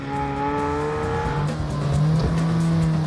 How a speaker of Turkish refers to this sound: Onun işi sadece üretim hattından çıkan bu arabaların her birinin egzozunun ses kontrolünü yapmaktı. İnce ayarlanmış bir trompet gibi mükemmel egzoz notasını vermek için uğraşmaktı.